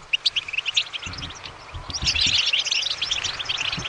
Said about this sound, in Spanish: Qué bien suena, muy bien. ¿Así que has dicho qué es? Un jilguero. Un jilguero, muy bien, has acertado.